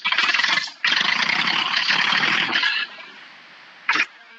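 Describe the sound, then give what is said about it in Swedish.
A tractor engine cranks and catches in a harsh, rattling roar for nearly three seconds after a brief pause, then drops to a quieter idle, with one short burst near the end. “Det är svårt att säga för de som inte har hört någon gång, men jag vet inte om det hörs i radio, men jag ska starta traktorn för jag sitter här nu, jag är på väg.”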